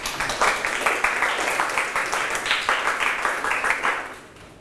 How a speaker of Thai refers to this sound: โอเคครับเก่งมากปรบมือเพื่อนหน่อย